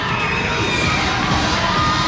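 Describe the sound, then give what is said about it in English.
A baseball crowd at Delta Dental Stadium, prompted to get loud during an at-bat, roars and cheers in a steady, loud wash of voices, with shouts and whistles rising out of the din and no single voice standing apart. “Prompting the crowd to get loud here at Delta Dental Stadium.”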